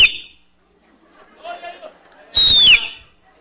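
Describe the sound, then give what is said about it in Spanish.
A person imitates an eagle with a loud, shrill screech that slides downward in pitch, after a brief high cry at the start and some soft murmuring voices in between. “Y el águila le hacía...”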